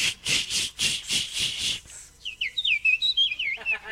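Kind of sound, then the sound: bird, eurasian blackcap song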